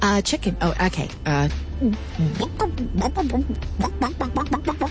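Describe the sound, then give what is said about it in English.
A mother, in a fairly loud voice, imitates a chicken, making a quick series of short, bouncy clucking sounds that rise and fall in pitch for several seconds. “Mama, what does the chicken say?”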